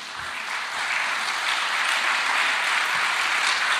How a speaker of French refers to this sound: Merci d'applaudir